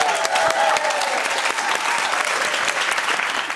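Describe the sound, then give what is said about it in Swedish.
Steady, brisk applause from one person, radio host David Druid, clapping for himself in a studio during a P3 versus P4 music quiz, a dense run of sharp claps at an even, loud level with no pauses and no voices over it. “David applåderar sig själv.”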